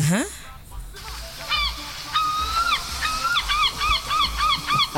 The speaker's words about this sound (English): What is that? That's a seagull, baby. Your phone quality is so bad. Seagull. That I actually thought it was a horse. It's a seagull, baby.